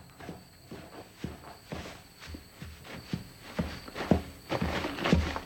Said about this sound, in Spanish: Oigo pasos que se acercan.